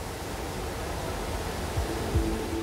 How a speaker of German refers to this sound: Hier fließen bis zu 4 Kubikmeter Mainwasser pro Sekunde ins Kraftwerk. Flusswasser, kein Grundwasser.